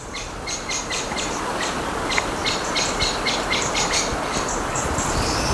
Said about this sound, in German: Oh, die Vögel. Wir bewegen uns ja auch Richtung Fähre. Das hoffentlich, das hoffentliche. Oh, die Amsel.